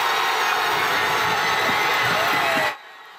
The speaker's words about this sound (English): More than 100 people packed the square for the watch party, chanting and cheering for both teams.